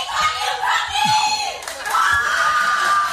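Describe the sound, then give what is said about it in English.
A loud, lively audience with one audience member's raised voice shouting out over the din, the cries rising and falling and holding a long high note near the end, continuous. “We rarely have people come out and they come out loud.”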